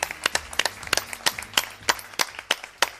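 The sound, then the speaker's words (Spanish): Scattered applause from a small group of guests at a Radio Huesca and Radio Sariñena mobile studio broadcast in Huesca, sharp claps arriving irregularly at a steady pace, moderately loud, with no voices over it. “Un fuerte aplauso, por favor, para que noten esa...”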